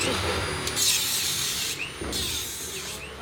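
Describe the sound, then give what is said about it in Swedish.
Wooden scaffolding that held up a train track being torn down: a steady, loud grinding roar of power tools chewing through wood, with rising whines and rough bursts of cutting noise. “Nu river de träställningarna som burit upp banan.”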